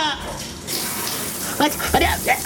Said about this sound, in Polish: Ratunku! Woda na mnie leci! Zaraz mnie zaleje! Co się dzieje? A kuku! Ojej, a co ja robię pod prysznicem?